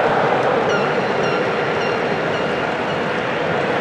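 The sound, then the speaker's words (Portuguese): Argentine fans chanting in a stadium in Dallas, Texas, during a football match against Jordan, a loud, unbroken wash of massed voices that holds steady for several seconds with no one speaking over it. “Canta a torcida argentina em Dallas.”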